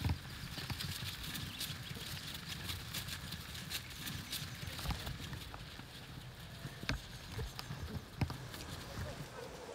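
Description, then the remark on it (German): A herd of cattle being driven toward a livestock trailer, many hooves thudding and clattering irregularly on the ground, with a constant shuffling bustle and muffled voices now and then. “Immerhin bewegt sich die Herde schon mal in die richtige Richtung.”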